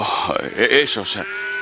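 Sheep bleat in a wavering, trembling cry lasting about a second, with deeper lowing of cattle mixed in beneath, followed by a faint steady hum; the sheep and cows were brought home from the war with the Amalekites.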